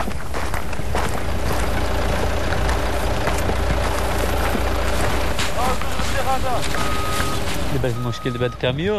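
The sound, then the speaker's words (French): A truck engine idles with a steady, heavy low rumble that fills the whole recording, while voices talk over it, growing more noticeable toward the end. “Le problème avec ce camion, c'est que nous n'avons pas d'accès routier.”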